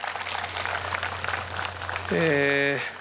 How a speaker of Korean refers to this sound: 저 멀리 제주도 그리고 안동에서 이렇게 와주셨는데 두 분 교구장 선생님께도 큰 박수 한번 감사합니다.